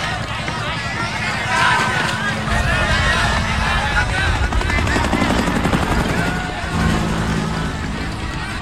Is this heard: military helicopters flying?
yes